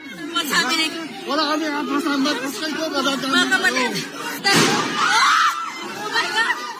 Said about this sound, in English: There were incredible scenes in the Philippine Senate earlier, which, as we go through, has been on lockdown after gunshots were heard inside the building. Footage from inside shows crowds of lawmakers and journalists trying to take cover.